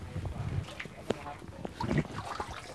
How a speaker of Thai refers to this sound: ผมจะให้คุณลุงเอาไก่มาว่ายให้ดูแล้วเราต้องอยู่ห่างนิดนึงนะครับน้ำจะกระเด็นครับคุณลุงครับนี่ครับคือเป็นการว่ายน้ำนะครับผมไก่ก็จะตีปีกตีขา